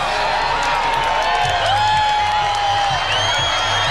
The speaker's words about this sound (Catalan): Els milers de persones que s'han trobat a l'antic aeròdrom de Mangranes a Lleida han emmudit en els últims minuts abans de la totalitat, han començat a aplaudir quan faltaven pocs segons i han esclatat quan la lluna ha engolit el sol.